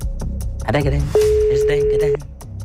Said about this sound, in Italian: vediamo se risponde al telefono.